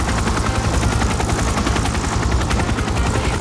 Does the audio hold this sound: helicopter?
yes